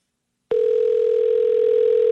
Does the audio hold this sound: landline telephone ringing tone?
yes